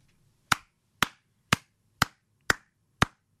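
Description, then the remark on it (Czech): Six sharp hand claps at a steady, even pace, about two per second, each a crisp, loud snap with a short tail, with no voices and only a faint low hum between them. “Tak tleskám Kubovi za to, že je skvělý manžel a táta a tleskám Petře za to, že ho takhle krásně umí pochválit.”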